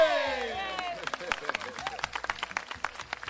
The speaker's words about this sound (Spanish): Aplausos.